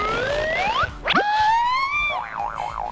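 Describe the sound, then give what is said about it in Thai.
A toy piece tossed at a little frog insect-eating game, meant to land in the frog's mouth, bounces off with a springy boing: bright gliding tones sweep upward, then a sharp bounce and a wobbling warble, loud with no talking. “มันกระเด้งออกมาเข้าอะไม่เข้าเหรอ มันไม่เข้าเหรอ ลอง เฮ้ยเข้าแล้ว เข้าแล้วเหรอ”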